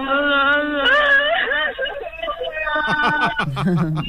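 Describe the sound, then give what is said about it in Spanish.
A voice imitates a loud, drawn-out wailing cry with a wavering, rising and falling pitch, then breaks into choppy sobbing bursts, sounding thin as if heard over a phone line. “El llanto es que me ha gustado mucho, ¿eh? El llanto del loco.”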